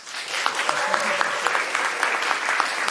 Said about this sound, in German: Bitte begrüßen Sie mit mir mit einem ganz großen Applaus die Leiterin für die künstlerische Planung des DSO